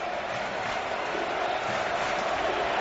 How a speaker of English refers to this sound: Crowd trying to cheer on the Louisville Cardinals to a win.